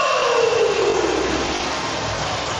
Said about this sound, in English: Hear the horn going as the players coming out on the ice.